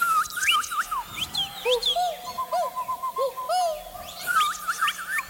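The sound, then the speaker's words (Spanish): An audience whistles and chirps in imitation of small birds during a song, acting as a large flock, many overlapping tweets and warbles rising and falling together, lively, with a faint steady hum underneath. “Entonces, les queremos pedir de favor que cuando escuchen que yo empiezo a grabar más o menos al final de la canción, nos ayuden a emular sonidos de pajaritos.”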